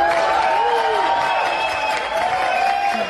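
A crowd applauds steadily for a few seconds, a dense, even wash of clapping with some cheering voices rising and falling over it.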